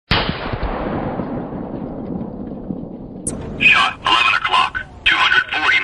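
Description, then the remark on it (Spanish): A single loud gunshot cracks out and rolls away in a long, fading echo, followed by a short electronic beep as a Boomerang shot-detection system gives a brief Spanish voice message: shot at 11 o'clock, 240 metres. “cuando Boomerang detecta un disparo, produce un mensaje de voz”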